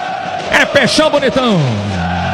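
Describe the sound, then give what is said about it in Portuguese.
A football stadium crowd at a Santos match against Atlético in the Copa Sul-Americana cheers loudly. Bellowing voices swell and fall in pitch over a steady, dense roar that holds through the end. “Sobe o som da torcida.”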